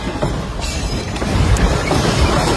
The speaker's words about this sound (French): Sur place, à Caracas, des scènes de chaos comme à l'aéroport. Ce député a filmé le plafond qui s'écroule dans un fracas.